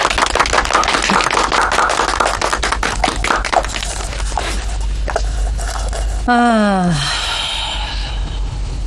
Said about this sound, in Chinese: 大家如果没有什么其他别的意见，那有请咱妈做总结性陈词，鼓掌。